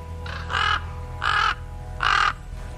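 Three hoarse, croaking raven calls at an even pace, each about a quarter second long, ringing out clearly over a low steady background rumble.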